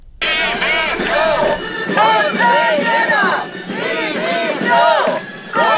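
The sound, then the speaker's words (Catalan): Hundreds of protesters, teachers on strike gathered at the doors of the conselleria before a march to the Plaça de la Mare de Déu, chant loudly and steadily, many voices rising and falling together in rhythmic shouted phrases, with a dense wash of crowd noise underneath. “Mentrestant, centenars de manifestants s'han concentrat des de primera hora a les portes de la conselleria, des d'on ha eixit una manifestació que acabarà a la plaça de la Mare de Déu.”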